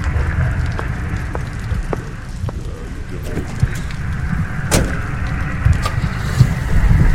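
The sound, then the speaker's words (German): Gorham's car slowly drives off a yard in the dark, headlights on, with a steady, low engine rumble and scattered crunching and clicking from the tires, even in loudness throughout. “Langsam fährt Gorhams Wagen vom Hof und die grellen Scheinwerfer tauchen den Mann, der noch immer mit dem Umschlag in der Hand dasteht, in helles Licht.”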